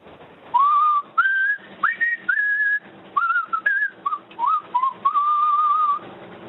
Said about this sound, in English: I think that's the winner. That's definitely a strong whistle. That's the sort of whistle you'd expect a truckie to blurt out, isn't it?